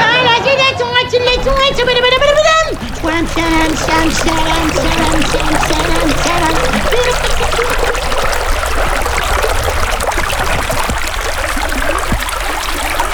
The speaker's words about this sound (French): Il y a un petit ruisseau qui traverse le jardin, il s'appelle Le Melon.